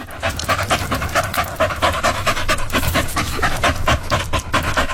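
Rapid, steady panting from dogs, with quick breathy bursts repeating several times per second throughout. The breaths are loud and airy with no talking.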